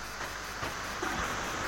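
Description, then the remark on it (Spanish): A steady, even hiss of falling water, like rain pattering down, continuing without a break and with no voices over it. “Escuche. La lluvia.”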